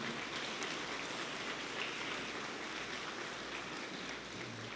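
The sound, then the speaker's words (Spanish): Steady, dense clapping from a crowd welcoming members of the Dimensión de Pastoral de Jóvenes, a continuous crackling roar that holds at an even loudness for the whole stretch without a clear start or finish. “También un fuerte aplauso para ellos.”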